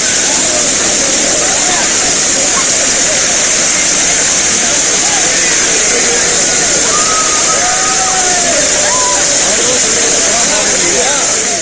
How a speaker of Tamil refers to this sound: இதனிடையே தமிழ்நாட்டின் பெரும்பாலான மாவட்டங்களில் மழை பெய்து வருவதால் குமரி மாவட்டம் திருப்பரப்பு அருவியில் மிதமான அளவில் தண்ணீர் கொட்டுகிறது.